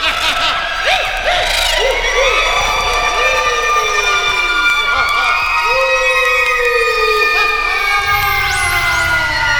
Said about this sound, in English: They sneaked around and made ghostly sounds. They screeched and they shrieked.